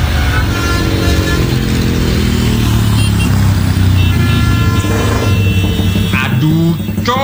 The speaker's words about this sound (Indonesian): Suara motor kamu loh, berisik banget sih. Lagian kalau diundang-undang knalpot brong gini dilarang tahu. Ganggu ketertiban umum. Lagian juga nggak menuhin standar laik jalan. Emang telinga kamu nggak sakit apa? Kasian tahu orang lain jadi bising.